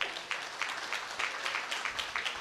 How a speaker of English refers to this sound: I want to thank the fine folks at Angry Troll. Let's go ahead and give them a big round of applause.